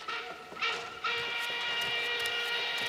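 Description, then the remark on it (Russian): A steady, continuous rumble of a moving train heard from inside a livestock freight wagon with barely planed boards, with a faint high metallic whine riding over the noise and no voices. “Вагон-то не для людей, для скотины.”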